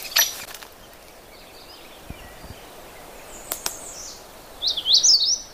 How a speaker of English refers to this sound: That's the magnolia warbler. Very short, simple song. And I'm not going to try to explain it, because the problem with the magnolia warbler is it sings a whole bunch of different songs. This is just one of them, one of many.